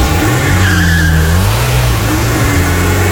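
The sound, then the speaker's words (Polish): A magnetic grey family car's engine roars and revs loudly, with tires squealing and skidding as the vehicle takes off. No one speaks. “Konkretny, piękny kolor, magnetic grey, wymarzony model, to jest w ogóle rodzinne auto, auto na lata. No i tak może wyglądać wasza przyszłość. Wsiadacie, zamykacie drzwi, odpalacie.”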